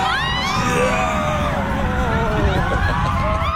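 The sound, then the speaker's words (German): Roller coaster riders cheer and scream together, a dense wash of overlapping high voices swooping up and down in pitch, loud and steady throughout over a low rumbling background. “Für viele klingt das wie Musik, ne? Wenn man sowas hört hier.”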